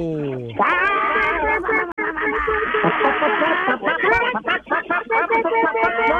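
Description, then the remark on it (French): Several callers on a telephone line imitate clucking hens all at once, a loud, chaotic overlapping chorus of squawks and clucks with a muffled telephone-line quality, continuing without pause for several seconds. “Puis à mon signal, vous allez tous jaser comme des poules.”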